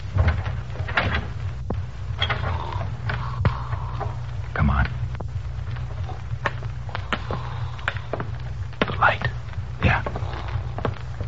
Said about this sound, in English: All right. Open the door. Easy.